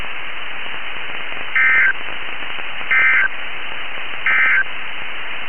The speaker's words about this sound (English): Again, this has been a test of the NOAA weather radio warning alarm and EAS signal. We now return to the regular broadcast cycle.